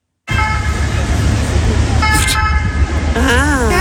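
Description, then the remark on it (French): A loud three-tone ambulance siren, the kind used by the SMUR to signal absolute emergency, sounds steady, horn-like notes that step between pitches over a low traffic rumble, with a wavering voice-like tone near the end. “Et ça, en général, c'est utilisé par le SMUR. Pour vraiment, là, ça veut dire urgence absolue, poussez-vous, quoi.”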